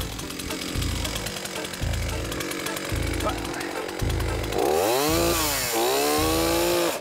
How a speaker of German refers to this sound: Und weil es so irre schnell ging, nochmal in Zeitlupe. Boah! Die Säge müsste nicht unbedingt absterben, aber durch das Blockieren.